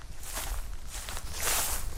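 Grass snapping, then crunching footsteps of someone walking through dry brush in the mountains, several steps in an uneven rhythm, with rustling and snapping of vegetation underfoot, growing louder toward the end.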